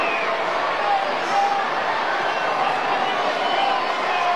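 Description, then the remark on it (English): Steady, dense roar of a baseball stadium crowd at an Angels night game in Anaheim, a loud wash of many blended voices with a few brief high whistles or shouts rising above it throughout. “A lively and raucous crowd here in Anaheim tonight.”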